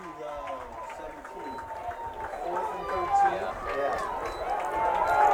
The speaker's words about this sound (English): Flag on the field, and the Crusaders want it to be on Brookfield Central. Don't bank on that. Full start. Bring him back 5. The sarcastic applause come raining down.